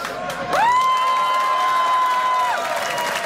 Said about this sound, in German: Kräftigen Applaus.